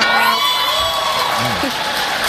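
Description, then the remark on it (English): An awards-show crowd cheers loudly and steadily in reaction to Madonna's joke while accepting an award, with high whoops and shouted voices rising and sliding in pitch over a dense roar of applause-like noise. “Listen to that crowd reaction.”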